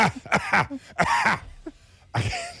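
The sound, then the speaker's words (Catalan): A voice imitates a theatre spectator's fit of coughing in the middle of an actor's sentence: a quick series of harsh, raspy bursts, a couple of them longer and throatier, with short breathy gaps between and no words spoken. “El problema és quan al mig d'una frase hi ha algú que li ve la tos i fa...”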